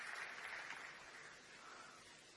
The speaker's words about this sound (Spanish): No me importa. Acá lo aplaudan, ¿eh? Por si no escucha...